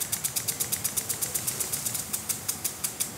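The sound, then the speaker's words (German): A barge engine runs steadily on the Rhine in Düsseldorf, its rapid, even chugging pulses repeating about six times a second at a moderate level, with no voices. “Unten Kahn.”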